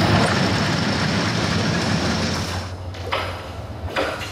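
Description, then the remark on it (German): Loud, continuous rumbling and metallic clatter of rail machinery laying railway tracks, a dense grinding roar with brief hissing bursts near the end, with no talking. “Ich muss ein bisschen gegenschreien, wenn die Gleise verlegt werden.”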